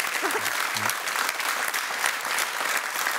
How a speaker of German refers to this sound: Das ist, glaube ich, in erster Linie Applaus für deinen Lebensmut und Lebenswillen.